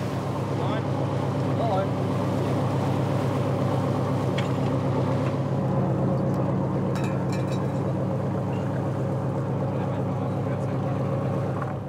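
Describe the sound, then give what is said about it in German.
A water police patrol boat's engine drones steadily and loudly throughout, a low rumbling hum with water and wind noise around it, as it motors across the water toward the fishing cutter Marion from Husum for a routine fisheries inspection. “Wir führen eine ganz normale fischereirechtliche Kontrolle durch und werden jetzt zu diesem Kutter fahren.”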